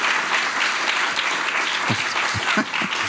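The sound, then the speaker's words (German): An audience applauds a prize-draw winner during a broadcast, a dense wash of many hands clapping steadily at an even, fairly loud level for a few seconds, with a few sharper individual claps standing out. “Das ist Ihr Applaus.”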